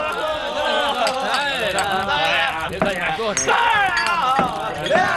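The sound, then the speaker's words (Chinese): Cups clink together a few times in a toast, sharp little taps scattered under loud, overlapping voices of a lively group cheering and chatting. “大家都举起杯来，为他能做出这么好吃的泡饭，干杯！”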